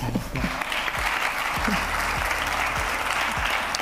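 Steady, dense applause from an audience at an event in Huelva, Spain, welcoming the president of the Spanish Association Against Cancer in Huelva onto the stage, a continuous wash of many hands clapping at even loudness throughout, with a few low thumps scattered underneath.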